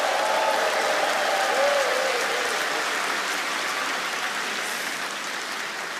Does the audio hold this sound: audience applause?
yes